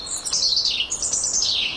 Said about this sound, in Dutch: Maar hoe dan ook, op een mistige ochtend hoort hij een roodborst in de tuin.